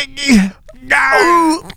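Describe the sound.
A voice imitates a woman giving birth, letting out two loud, strained moaning wails separated by a short breath, dramatic, with no other talking.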